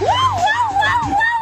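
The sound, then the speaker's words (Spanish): A police siren wails loud, its pitch sweeping rapidly up and down in a continuous warbling cycle, with a low rumble underneath and no talking. “Y en ese momento se escuchó la sirena de la policía.”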